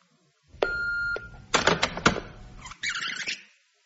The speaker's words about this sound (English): An empty house, and only an answer phone to greet me.